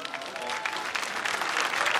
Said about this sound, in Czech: Velký potlesk pro něj, dobrý večer.